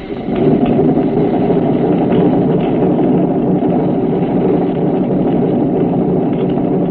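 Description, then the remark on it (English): A submarine trim pump runs steadily, pumping water from the auxiliary tank to forward trim to take the dive angle off the boat: a loud continuous mechanical hum and rush of water that holds even from start to finish with no voices. “Bump from auxiliary to forward trim.”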